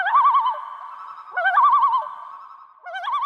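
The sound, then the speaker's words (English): A common loon, swimming toward a camper in Alberta, calls in three loud phrases, each a rising note breaking into a quavering, wavering tremolo, with brief pauses between and no voices present. “Gibson told guest host Mike Finnerty what he was thinking when he noticed a loon swimming right toward him.”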